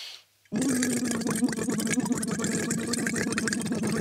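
After a brief silence, a person hums a steady voiced tone through a tube held in the mouth into water, trying to make a tone rather than just blowing: a continuous gurgling buzz with a rough, motor-like flutter that keeps going to the end.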